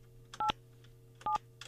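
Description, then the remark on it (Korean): Short, bright beeps of a telephone keypad as a Far East Broadcasting radio host dials an elderly listener, several tones in quick pairs with brief pauses between, heard clearly over a low steady hum with no one speaking. “제가 이분 한번, 나이가 좀 많으시다고 하는데 제가 한번 전화 한번 해볼게요.”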